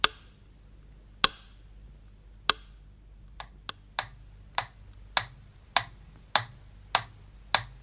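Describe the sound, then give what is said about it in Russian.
A metronome ticks alone at a slow, mostly even pace, about a dozen sharp, dry clicks, with the first few spaced wider apart, over a faint low background hum. It is the slow pace the metronome kept on Leningrad radio during the 900-day siege when the city was calm. “Вот так стучал метроном в те редкие часы, когда в городе было спокойно.”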